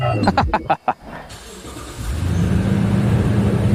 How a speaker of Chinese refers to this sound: 这样，我们管它叫收割铁骑，其实是一个智能农机，就是用现代的一些高科技的技术，让它能够实现无人驾驭，自己干活，老农不用躬身，粮食高产稳增。